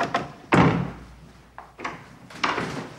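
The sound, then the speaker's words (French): A door at the Christus magazine offices, in a newly renovated building, being handled and shut: a sharp, heavy thud, then several lighter knocks and clunks of the latch and frame, with a short ring of the room after each. “On passe le pas de la porte de la revue Christus du magazine.”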